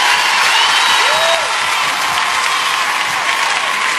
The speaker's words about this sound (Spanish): Fuerte el aplauso